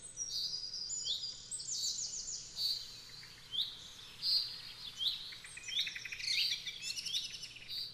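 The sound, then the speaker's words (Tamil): Several birds chirp and sing continuously in bright, rapid trills and tweets, overlapping over a quiet low background hum, with no talking. “நம் நேயர் தேர்வு செய்திருக்கக்கூடிய கருப்பொருளானது பறவைகளும் பாடல்களும்.”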